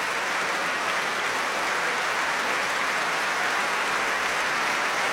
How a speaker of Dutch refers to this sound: En het mooie is, het publiek blijft gewoon staan klappen. Maakt nog geen aanstoten om te vertrekken.